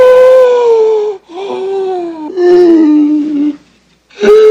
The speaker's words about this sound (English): Oscar stops, listening to Felix's noisy breathing.